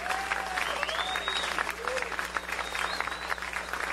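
An audience claps steadily throughout, a special round of applause for the sound technician: a dense wash of many hands with a few cheers or whistles rising above it. The applause stays fairly even in loudness from start to finish.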